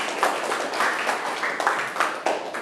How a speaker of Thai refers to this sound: เก่งมากๆเลยครับปรบมือเพื่อนหน่อยขอบคุณครับ